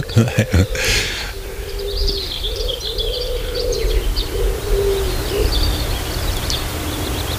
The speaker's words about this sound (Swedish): Ja, de får jobba lite för att överrösta duvan. Men gött med på en kustlokal i Halland.